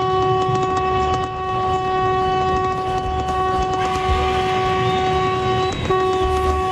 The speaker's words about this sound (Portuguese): Que buzina boa! 4h32. Muito obrigado a você que tá buzinando em todo o Brasil, ligado aqui no nosso Band Coruja.